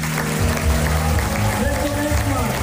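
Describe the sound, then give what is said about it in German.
A loud, continuous wall of audience cheering and clapping as Till Brönner speaks about the House of Jazz, with many voices blending into a dense roar that holds steady for the whole moment. “So, ich hoffe, das hat man in all dem Jubel verstanden.”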